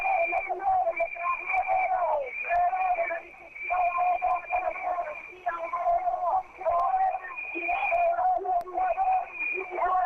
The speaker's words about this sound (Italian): questo comizio della Daniela Fumarola, che riesce a tenerlo solo perché il palco ha una forza di suono notevole, però è praticamente soverchiato da megafoni, fischietti e urla da parte degli antagonisti.